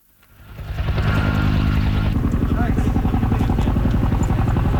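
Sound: helicopters flying over wildfire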